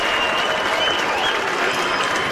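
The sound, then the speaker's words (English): A large baseball crowd at a River Cats game against the Rainiers roars and applauds loudly after left fielder McCray's catch for the second out of the ninth inning, a dense, sustained wash of cheering and clapping that stays steady throughout with no voices rising above it. “That may have been the loudest the crowd's been all night.”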